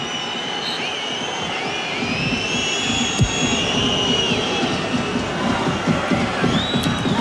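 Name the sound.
football stadium crowd cheering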